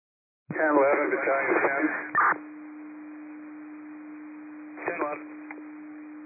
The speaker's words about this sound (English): District 8, these are cancellation tones. District 8, cancellation tones.